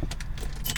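Keys jangle in quick, bright metallic bursts over a low rumbling background as someone gets into their own car to drive home.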